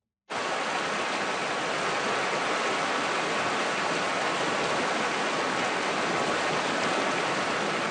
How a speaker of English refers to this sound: Just picture it. Beautiful spring day. You're sitting by a small river at the bottom of a valley surrounded by farms, the grass bright green. Very peaceful. Very, very peaceful. And then you hear...